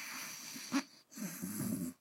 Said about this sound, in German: Er ist aber auch zu müde und gähnt. Kurze Zeit später ist leises Schnarchen zu hören.